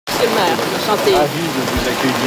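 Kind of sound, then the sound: nature, rain falling outdoors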